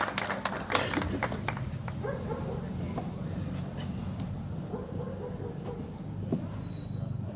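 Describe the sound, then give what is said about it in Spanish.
An audience at an evening event breaks into applause to welcome a speaker, a flurry of sharp claps that thins out after the first couple of seconds, leaving a steady low rumble of background noise. “vamos a darle un fuerte aplauso entonces para que nos hable enérgicamente en esta tarde y noche.”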